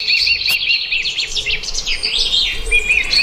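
Many birds chirp and twitter together in a steady, overlapping chorus of high, bright calls, with a soft low outdoor rumble underneath and no talking.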